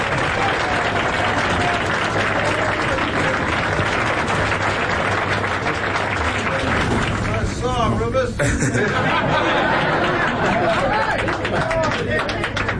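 A crowd applauds steadily for several seconds, dense clapping blended with loud overlapping chatter and murmuring voices, filling the room without a break.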